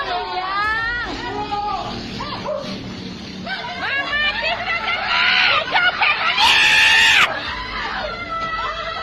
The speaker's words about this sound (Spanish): Su esposa grita a los cuatro vientos pidiendo ayuda y en eso llega un compadre.